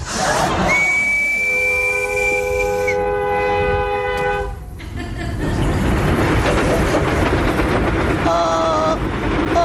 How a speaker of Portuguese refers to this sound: Onde é que vai aquele comboio? Aquele comboio vai para Coimbra.